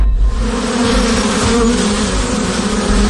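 A dense, steady drone of many honeybees buzzing together, loud, with a constant hum that barely fluctuates for the whole stretch and no voices.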